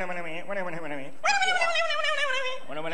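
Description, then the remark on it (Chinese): A man's voice imitates a dog barking at someone, fairly loud: a run of wavering yelps, then a long, sustained high-pitched whine before the yapping starts again. “就算找着了，再出来一个不会说人话的，冲我那直叫唤。”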